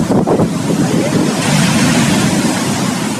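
Ocean waves breaking along Peru's long coast in a continuous, full roar of surf, loud, with a gusty, wind-like hiss over it and no voices.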